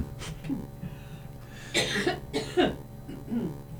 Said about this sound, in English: I have to cough.